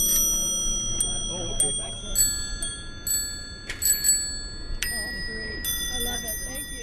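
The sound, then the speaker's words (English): Several vintage bicycle bells on old three-speed bikes ring over and over in bright, overlapping chimes during the Lake Pepin three-speed tour ride, while a crowd murmurs and talks in the background. “Plus, they've got holders for flasks and tobacco pipes and vintage bells.”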